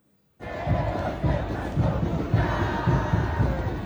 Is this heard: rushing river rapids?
no